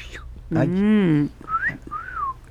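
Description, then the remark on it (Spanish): A person whistles a two-part wolf whistle, "fiu fiu", a quick rising note then a longer falling one, imitating a parrot that whistled at a neighbor, clear, after a brief humming voice sound. “Y entonces el vecino volteaba, porque el perico en lugar de otra cosa le silbaba.”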